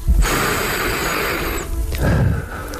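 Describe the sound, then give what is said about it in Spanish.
A man, a studio guest with a long-familiar radio voice, draws one long, deep breath in, a steady airy rush lasting over a second, followed by a shorter, softer breath. “Quiero oír la respiración del invitado, de este hombre que tiene 4 premios Ondas y que tiene una voz que han oído nuestros oyentes durante muchos años, a muchas horas diferentes.”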